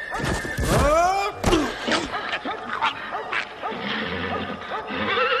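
A ridden horse whinnies loudly and shrilly, then a sharp crash as it falls heavily on a sheet of ice covering a small bridge over a brook, followed by agitated snorts and struggling noises that continue to the end.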